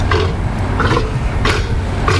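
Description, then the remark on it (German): A South American sea lion, also called Patagonian sea lion, gives a series of deep, rough, growling bellows, loud, with short repeated pulses over a steady low rumble and no talking. “Ein patagonischer Seelöwe, eine Mähnenrobbe.”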